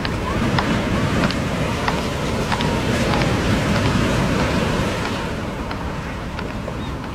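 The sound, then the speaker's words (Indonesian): A boat moves steadily through shallow, roughly waist-deep water, with a constant wash of churning water and small sharp splashes scattered throughout, fairly loud, easing slightly toward the end. “ambillah perahu.”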